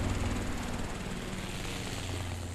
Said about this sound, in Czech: V dálce nad mořem vrčel vrtulník.